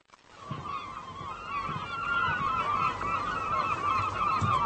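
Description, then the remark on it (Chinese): A flock of seagulls flying around a fishing boat calls nonstop, dozens of harsh overlapping cries forming a dense, loud clamor that swells quickly at the start and stays steady throughout, with no voices. “捕虾笼是空的，那么是什么引来了成群的海鸥？他们为什么突然围着渔船飞呢？”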